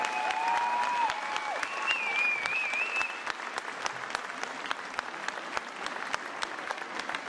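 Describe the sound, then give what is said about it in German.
An audience claps steadily throughout for the dancers of SG Sperger, a dense patter of hands, while a high whistling tone slides and warbles over the applause in the first three seconds before it continues alone. “Ich glaube, der Applaus war zu leise.”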